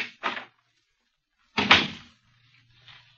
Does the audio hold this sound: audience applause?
no